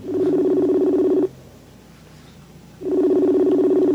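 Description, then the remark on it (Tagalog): Phone tones come through a cellphone handset as someone calls a person: two long, steady electronic beeps with a slight warble, separated by a pause of about a second and a half. They are clear and fairly loud, with no talking. “Tawagan ko siya, bala.”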